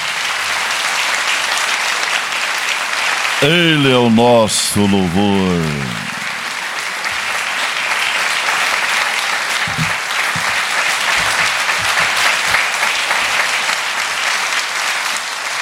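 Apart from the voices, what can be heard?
audience applauding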